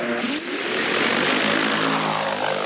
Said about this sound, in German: Diese Aussaattechnik ist neu in der Landwirtschaft. Statt mit schweren Landmaschinen das Feld zu beackern, fliegt Anfang August eine Drohne über die reife Sommergerste auf einem Versuchsfeld der Schwäbischen Alb.